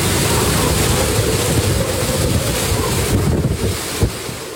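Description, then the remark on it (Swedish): Loud, continuous roar of Typhoon Bawi's wind buffeting the microphone over churning surf as the storm strikes the coast of the Japanese island of Okinawa with 12-metre waves and whips the trees, with a dense low rumble throughout and one brief heavier gust or wave crash near the end. “Stormen slår mot kusten på den japanska ön Okinawa med 12 meter höga vågor. Vinden piskar och nästan välter träden i videon från nyhetsbyrån Reuters.”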